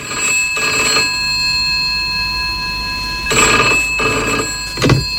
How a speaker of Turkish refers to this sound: telefonunu çaldırdık ve ona küçük bir şaka yaptık.